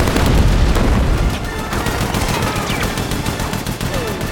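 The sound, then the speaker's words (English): Loud, sustained bursts of machine gun fire, rapid cracking shots in dense succession, with a heavy low rumble in the first second and a busy battle din throughout, as a large gun is fired during a battle near a mansion. “rips a large gun from the grip of a soldier on the ground and kicks him aside. They run towards the mansion, avoiding gunfire.”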